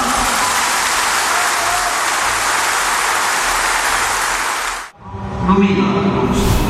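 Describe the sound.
Loud, sustained applause for Ludovic Orban from a large audience at the National Liberal Party congress fills about five seconds, a dense wash of clapping, then cuts abruptly to a brief murmur and voices.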